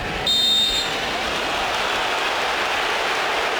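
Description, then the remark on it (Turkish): A single shrill whistle blast from referee Piero Maza during a football match involving Germany, lasting just over half a second, cuts through the steady roar of a stadium crowd, which keeps rumbling on after the whistle stops. “Maza düdüğü çalıyor.”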